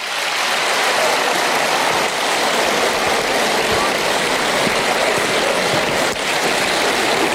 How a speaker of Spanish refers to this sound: ¡Aplauso para la fe!